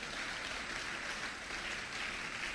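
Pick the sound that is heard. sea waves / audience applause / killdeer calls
audience applause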